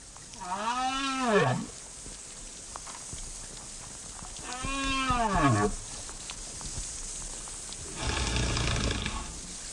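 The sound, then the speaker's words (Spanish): Underwater whale calls: two long, arching moans that rise and fall in pitch, separated by a few seconds of quiet, followed by a burst of broad rushing noise near the end. “Sin embargo, aunque muchas veces no lo podamos percibir, existe un mundo muy rico de comunicación entre especies marinas, por ejemplo, entre las ballenas.”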